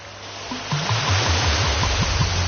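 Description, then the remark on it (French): A steady wash of ocean waves with no break, while a low rhythmic rumble pulses underneath several times a second. No one speaks. “On entend le bruit des vagues et un bouchon qui saute, on se sert un verre et une voiture démarre.”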